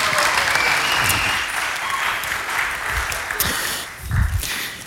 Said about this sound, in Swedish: En stor applåd till konfirmanderna. Varsågoda.